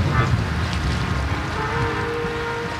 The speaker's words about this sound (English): Standing on the beach of Middle Harbor Shoreline Park in Oakland, both meanings feel true.